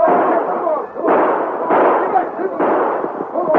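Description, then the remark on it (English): Five loud rifle gunshots crack out at uneven intervals as train passengers send parting shots after retreating horsemen, each a sharp report followed by a rumbling tail that runs into the next shot. “The passengers were too forward from the train to send a few parting shots after them.”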